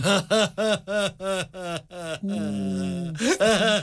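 Loud, desperate crying: a rapid series of choking sobs, then a long drawn-out wail, followed by more gasping sobs.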